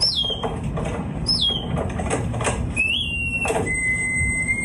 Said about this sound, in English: Correct, it is birdsong. I hope you did recognise that, otherwise I would be a little bit concerned. But it's not regular birdsong, is it,